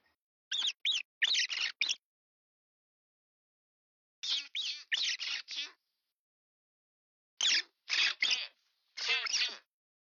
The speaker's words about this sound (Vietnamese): Trong tiếng Nhật thì từ chu chu thường dùng để diễn tả tiếng chuột kêu, nghe cũng na ná như là tiếng chít chít trong tiếng Việt mình nhỉ?